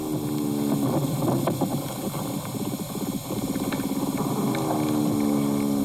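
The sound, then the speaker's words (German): A larger soil animal, not an earthworm, moving underground: a steady low, droning hum overlaid with irregular scratchy, crackling rustles and bumps, continuous and fairly loud throughout, with no voices. “Das ist jetzt eher ein größeres Bodentier, würde ich sagen.”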